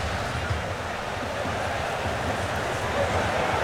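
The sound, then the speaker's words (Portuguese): Heavy, intense rain drums steadily on the microphones at a football match, a dense, unbroken hiss with a low rumbling undertone that holds at an even, loud level throughout, with a faint murmur of the crowd's voices beneath. “A água intermitente batendo nos microfones.”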